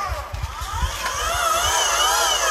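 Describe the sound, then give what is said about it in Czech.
A telescope mount's electric motor slews with a steady, fairly quiet whine whose pitch glides and wavers over a couple of seconds, with a few soft low bumps near the start, on a clear sunny afternoon as the telescope is turned toward the Sun. “Přesně, je to zvuk takového elektrického motoru, je to poměrně tichá záležitost.”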